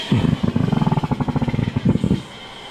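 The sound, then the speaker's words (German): Hydrogen gas rattles and crackles through thick hoses into a balloon being set up at a windy balloon event: a loud, rapid run of low popping bursts over a steady hiss, pausing briefly before a final burst, then stopping. “Ja, da strömt der Wasserstoff durch diese dicken Schläuche in den Ballon und manchmal knattert das so dabei, vielleicht wenn das verdreht ist.”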